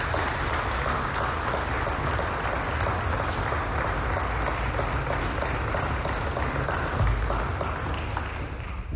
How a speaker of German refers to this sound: Und deswegen finde ich mal einen ganz besonderen Applaus für diese besonderen Menschen, die die Hebbel-Gesellschaft seit so einer langen Zeit tragen.